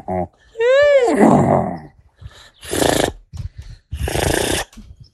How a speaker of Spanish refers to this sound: Ya extrañaba ese sonido que nos hace estremecer, el sonido del caballo